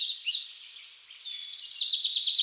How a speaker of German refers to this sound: Die Stimmung hier ist ganz speziell. Es ist ruhig, nur das Vogelgezwitscher ist zu hören.